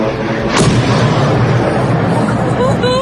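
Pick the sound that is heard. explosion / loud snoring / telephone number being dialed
explosion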